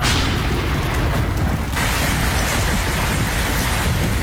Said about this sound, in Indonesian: Langit tiba-tiba gelap. Hujan turun sangat deras, disertai petir menggelegar.